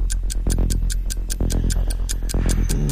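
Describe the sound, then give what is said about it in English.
A steady, quick tick-tock of a quiz clock timer runs during a timed question round, evenly spaced clicks set over a low humming musical bed, loud with no talking. “Stop the clock.”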